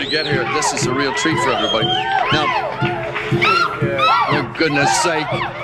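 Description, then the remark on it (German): A large concert audience cheers and screams continuously, a dense wall of overlapping high-pitched shrieks, whoops and shouts that stays loud and steady throughout. “Und das Publikum hört nicht auf zu jubeln.”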